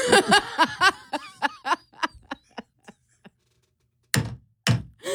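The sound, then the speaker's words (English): A gavel bangs twice in a studio, two loud, solid wooden thuds close together, following several seconds of rhythmic laughter that fades into a brief silence. “If he comes down here, you're going to be really banging that gavel.”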